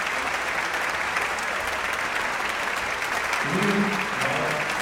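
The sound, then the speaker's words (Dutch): Sustained, steady applause from a large concert audience after the Radio Philharmonic Orchestra, conducted by Markus Stenz, gives the Dutch premiere of Kate Moore's Blue Light Sphere; a dense wash of clapping with a faint low voice or tone emerging near the end. “applaus voor het Radio Philharmonisch Orkest”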